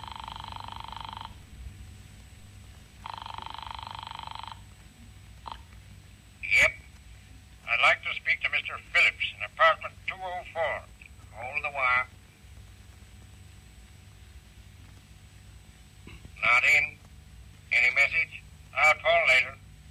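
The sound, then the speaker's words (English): Two long, buzzing telephone rings heard faintly through the receiver of a desk telephone on an extension line after a number is dialed, a few seconds apart, followed by clusters of short, chattering electronic bursts. “A number was ringing.”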